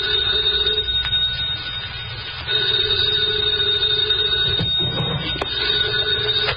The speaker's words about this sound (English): 2 o'clock in the morning, the phone rang.